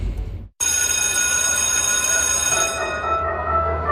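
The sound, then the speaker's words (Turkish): A loud electric school bell rings continuously for several seconds after a brief pause, its bright metallic clang sustained and steady, then easing slightly near the end. “Oh, ne güzel çalıyor değil mi? Ya, insanın içine huzur veriyor. Anne babaların bu ara en sevdiği parça okul zili.”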